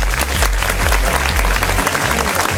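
Audience applause for a DJ on the Club Connection radio show on Studio Q, loud and steady throughout, a dense wash of clapping with no talking over it, while a low pulsing tone hums underneath.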